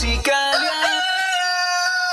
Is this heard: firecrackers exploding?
no